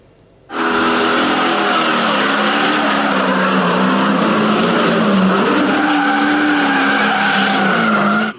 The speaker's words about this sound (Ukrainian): Змагання – лише ознайомчий заїзд перед початком тренувань черкаських автогонщиків. Та попри це, гума на спортивних авто димить, мотори ревуть, а гальма ледь справляються з перенавантаженнями.